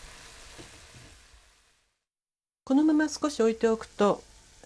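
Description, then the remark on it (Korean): Ground meat simmers uncovered in a pot of broth, being reduced for about 5 minutes until about 2 tablespoons of broth remain, with a soft, steady bubbling sizzle that fades out. After a brief silence, a person starts talking. “너무 졸이면 고기가 굳어지므로 냄비에 고여있는 국물이 2큰술 정도가 될 때까지 졸입니다.”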